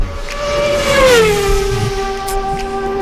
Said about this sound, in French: combien de voitures sont passées devant la maison d'Alicia et d'Alexis pendant les 24 heures du Mans